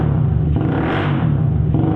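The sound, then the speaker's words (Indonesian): A motorcycle with a loud modified exhaust revs up, a deep continuous rumble that swells midway and then settles back, filling the whole two seconds with no voices. “Suara motor yang kayak gini yang aku pengenin.”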